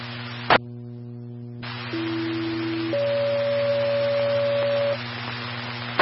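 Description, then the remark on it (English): Two-tone fire dispatch alert over a radio for a brush fire at the 80 mile marker on US 64: a steady lower tone for about a second, then a longer, higher tone, set against constant hum and static, with squelch clicks at the start and end. “these are tones for a brush fire that has started at the 80 mile marker on US 64.”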